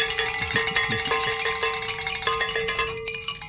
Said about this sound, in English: It's time to ring our bells, gentlemen.